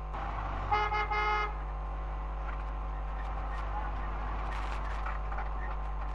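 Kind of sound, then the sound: vehicle, car horns honking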